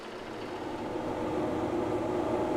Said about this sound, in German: Das ist der Trecker vom Saalhusener Bürgermeister.